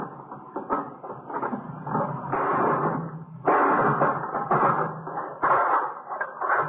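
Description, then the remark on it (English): A hammer strikes the lock on a box again and again, producing loud metallic clanks and rattling bursts in an irregular rhythm, with no talking. “You gonna break the lock?”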